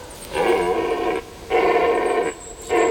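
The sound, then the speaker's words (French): A stag bellows at night by moonlight in three loud, hoarse roars, two long drawn-out calls followed by a shorter one, each rich and throaty, with brief pauses between them and no talking. “voilà qui se met à hurler. Il a pas l'air commode, l'animal.”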